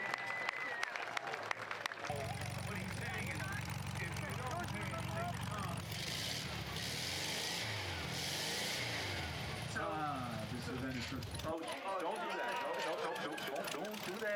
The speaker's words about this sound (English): And sometimes the car stalls.